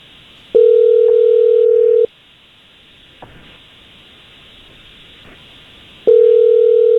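A telephone ringback tone sounds over the line as the live radio Jesse James Morning Show calls a man: a steady electronic buzz lasting about two seconds, a pause of several seconds, then a second ring beginning. No one speaks, and faint line hiss fills the gaps.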